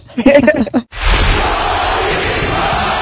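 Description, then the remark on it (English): A brief shouted call breaks off, then a large Russian crowd bursts into loud, sustained chanting of an American's name and roaring that stays steady to the end. “A Russian crowd chanting the American's name in the 1980s.”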